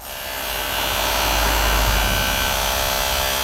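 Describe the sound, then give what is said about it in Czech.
A power drill whirs steadily and loudly, a continuous motorized buzz that swells slightly and holds for a few seconds with no voices, as workers finish the last touches on the new central playground Vysoká Mez in the Padělky district of Zlín. “Za zvuk vrtačky dokončují dělníci poslední úpravy nového centrálního hřiště Vysoká Mez.”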